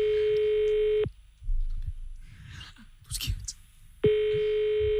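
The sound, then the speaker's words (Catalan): A telephone ringing tone sounds during a call: a loud, steady electronic beep at the start and again near the end, with a quiet gap of faint rustling and breathing between. “Pots agafar el telèfon.”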